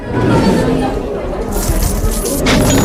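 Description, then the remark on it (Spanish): Coins and chains clink and jangle in busy metallic bursts as chests are emptied, loudest in the second half, over a low murmur of voices and rustling. “Los ingleses que habían llegado para saquear Cádiz empiezan a vaciar cofres, monedas, cadenas, vajillas, telas y todo lo poco que habían logrado reunir durante aquella expedición desastrosa.”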